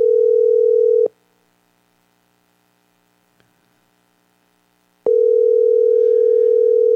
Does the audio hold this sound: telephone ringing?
yes